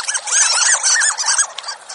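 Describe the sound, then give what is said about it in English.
Rapid, high-pitched squeaking calls from harlequin ducks, a busy overlapping series of thin mouse-like squeaks over steady background rush, clear, with no voices. “Some ducks don't sound like ducks at all. Some, like the harlequin, squeak, earning them the nickname of sea mice.”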